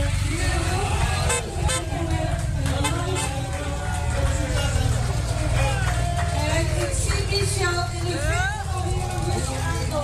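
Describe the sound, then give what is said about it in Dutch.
Escorting motorcycles, with runners and cyclists of the Europa Run's Netherlands route, pass through a café in Angeren in the Betuwe, Netherlands, horns honking repeatedly over a steady, loud engine rumble, with a busy crowd of voices chattering throughout. “Lopers, fietsers en begeleidende motoren trokken in Angeren in de Betuwe dwars door een café om daar een bitterbal van de toog te pakken.”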